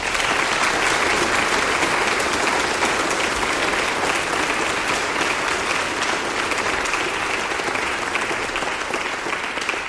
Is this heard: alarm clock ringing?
no